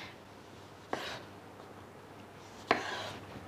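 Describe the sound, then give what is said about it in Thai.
A knife slices through cucumber twice for a yogurt dip, two crisp cuts against a board about two seconds apart, with a quiet background and no talking. “หั่นแตงกวาลงไปนิดหน่อย”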